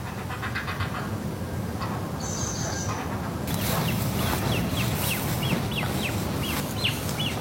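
Thin, high-pitched begging peeps from great crested grebe chicks repeat in quick succession over a steady low rumble of background noise, growing busier and more insistent in the second half.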